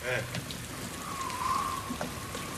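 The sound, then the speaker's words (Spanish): Steady rain falls with a constant soft hiss across the whole stretch, moderately loud, with a brief faint voice-like sound near the start. “para de llover, viejo.”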